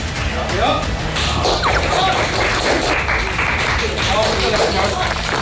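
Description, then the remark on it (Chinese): A film crew claps steadily for about five seconds after a take is shot, a dense, continuous patter of many hands, with a few voices calling out underneath. “每一条拍摄完后鼓掌的这个企业文化，我们这个掌其实是鼓给我们剧组每一位工作人员的。”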